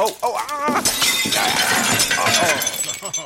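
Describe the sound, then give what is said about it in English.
A box of old ceramic mugs crashes and shatters in a loud, sustained burst of breaking and clattering pieces, with a voice heard briefly before and during the smash. “A box full of mugs? Why were we keeping a box full of old mugs?”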